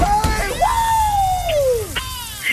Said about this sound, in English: You don't have to scream as much as me.